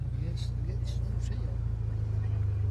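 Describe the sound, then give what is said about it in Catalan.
A car engine roars loudly and continuously, a deep steady rumble that pushes slightly higher near the end, with faint voices in the background. “Farà un pot de renou?”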